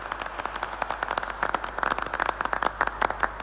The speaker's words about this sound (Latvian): Aplausi, kā šāvieni skan, kad beidzas bļāvienim.